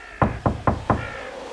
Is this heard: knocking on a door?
yes